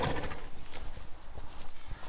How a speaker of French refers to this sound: Comme nous sommes avec des chevaux là, et non, non, non, non, ils ne sautent pas de branche en branche.